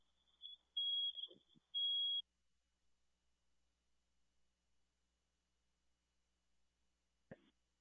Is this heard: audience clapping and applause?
no